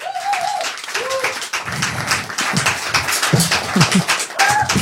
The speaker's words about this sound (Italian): e quindi io vi chiedo un grandissimo applauso